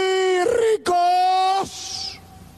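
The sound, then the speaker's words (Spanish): A man's voice imitates a coyote howl: a loud, sustained, rising-then-held wail broken by a brief gap, ending in a quick downward slide and breathy fade. “Los ricos van a aullar como coyotes. ¡Aú!”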